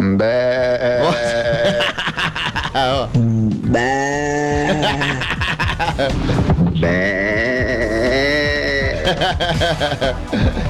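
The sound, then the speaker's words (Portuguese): Several Brazilian people take turns imitating goat bleats, loud, wavering nasal "baa" cries overlapping one after another, with snickering and chuckles mixed in throughout. “Tô lá pra falar nada não, só pode imitar bode, imitadores de bode do Brasil, quer ver?”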